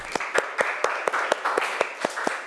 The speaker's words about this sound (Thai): โอเคอ่ะปรบมือเพื่อนหน่อยค่ะ